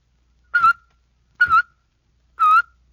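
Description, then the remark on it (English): Three short, separate whistled chirps, evenly spaced, each a clipped tone broken by a tongue-tap articulation, made by whistling with a tut-tut motion of the tongue. Moderately loud, with silence between them and no talking. “You do this one with a tut-tut motion of your tongue. When you add your whistle, you get...”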